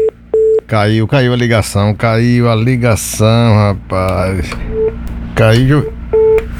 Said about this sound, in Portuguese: Já tem gente na linha aí que nós já estamos escutando o telefone tocando.